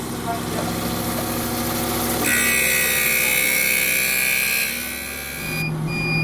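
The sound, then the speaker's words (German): A lens edging machine grinding an eyeglass lens runs steadily, then shifts into a louder, higher-pitched grinding whine with water spraying for several seconds before the sound drops and changes near the end. “Jetzt kommt Wasser, weil man kann nur mit Wasser schleifen. Und jetzt wird's laut.”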